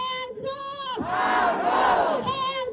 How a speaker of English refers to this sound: Hundreds chanted No Jim Crow 2.0 and shame as lawmakers met today to approve new maps splitting Memphis and its majority black voting bloc into three districts, one of which spans nearly 300 miles.